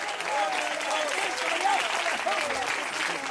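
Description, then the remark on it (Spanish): An audience bursts into steady applause for Christ, dense clapping at a strong, even level for a few seconds, with a few voices faintly audible beneath it. “De repente se aplausa al Cristo de la gloria.”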